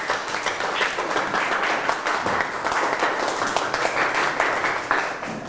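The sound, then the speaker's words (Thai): A classroom of students applauds a classmate for a correct answer, steady dense clapping that carries on at an even level for several seconds with no talking over it. “อ้าวเรามาตรวจสอบข้อมูลไปพร้อมกันถูกไหมถูกนะปรบมือให้เพื่อนนะครับ”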